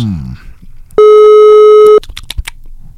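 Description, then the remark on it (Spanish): A loud, steady telephone busy tone sounds for about a second as a phone call is placed, with a few muffled voices and small noises before and after it. “Atentos, porque vamos a realizar la llamada en este preciso instante y deberíamos de tener tono de llamada.”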